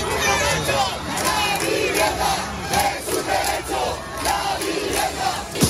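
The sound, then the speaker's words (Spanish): A large crowd of demonstrators, about 10,000 people marching on Martínez Campos, Rubén Darío and La Castellana, shouts and chants together in a dense, continuous roar, voices rising and falling in rhythmic waves of supportive cheering with no clear individual speech. “10.000 personas, según la delegación del Gobierno, se manifestaban ayer por la tarde en Martínez Campos, Rubén Darío y La Castellana, manifestación con gritos de apoyo hasta que intervino la policía.”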